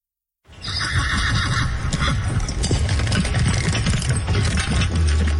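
A horse whinnies loudly and steadily over a dense bed of clattering hooves and low rumbling, all continuous for several seconds with no talking.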